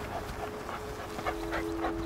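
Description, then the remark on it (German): A dog tracking a trail lets out a series of short, sharp barks at an irregular pace at the cars, fairly faint beneath a steady hiss of rain and a constant low hum. “Er hat bei den Autos angeschlagen, aber dann die Spur verloren.”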